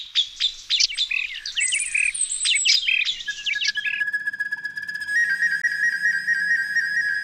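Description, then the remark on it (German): A rapid flurry of bright, twittering birdlike chirps from a recorder flute (Blockflöte), then steady piping whistled tones with quick trills, fairly loud, with no talking. “Also sie trägt gar nicht mehr diesen Block im Namen, sondern sie ist sozusagen die Aufnehmerin, weil sie gerne auch Klänge zum Beispiel von Vögeln aufnimmt und wiedergibt.”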